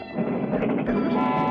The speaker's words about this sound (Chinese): 同时一辆火车在晨曦中呼啸着朝远方驶去。